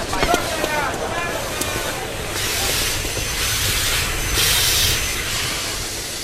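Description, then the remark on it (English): A steam train hisses at a station, with loud sustained bursts of steam swelling and fading over a low rumble and faint background voices. “We don't want to miss the train.”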